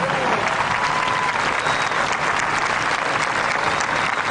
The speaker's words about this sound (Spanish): Un fuerte aplauso para ellos, por favor. Con el director César Lara, un fuerte aplauso también, por favor.